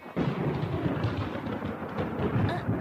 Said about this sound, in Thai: อะไรกันเนี่ยต้นไม้ของฉันต้นไม้ของฉันถูกฟ้าผ่าซิ้นแล้วอะ